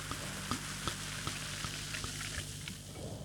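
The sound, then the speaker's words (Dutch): Fizzing of bubbles in a glass as bubbly is freshly poured from a just-opened bottle, a steady crackling hiss dotted with tiny sharp pops throughout, with no one speaking. “Je hoort de bubbels.”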